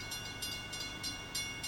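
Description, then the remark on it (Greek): A distant train approaches, rumbling steadily, with faint rhythmic clacking bursts repeating every few tenths of a second over a low, continuous hum. “Έρχεται το τρένο, γι' αυτό είναι από μακριά.”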